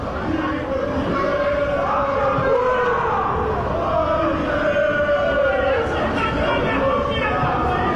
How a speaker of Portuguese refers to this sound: São poucos gritos de torcedores da Inter, exato, e alguns xingamentos da torcida do Caxias.